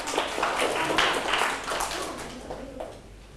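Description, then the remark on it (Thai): A group of children in a class claps for a classmate's correct answer, a quick, uneven patter that stays steady for a couple of seconds before thinning out and fading. “ปรบมือให้เพื่อนถูกต้อง”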